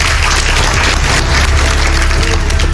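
Steady, dense applause from a crowd for Donald Trump as he says the preliminary agreement with Iran is signed, a continuous wash of many hands clapping at even loudness with no voices standing out, lasting the whole few seconds.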